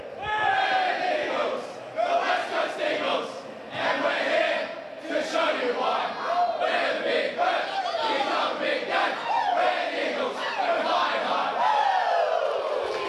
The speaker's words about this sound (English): And here they go with the team song.